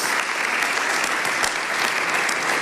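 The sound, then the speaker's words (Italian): Sustained applause from a large audience for minister Maria Elisabetta Alberti Casellati, a dense, steady crackle of many hands clapping at once, loud throughout with no voices breaking through. “Ancora un applauso per la ministra Maria Elisabetta Alberti Casellati.”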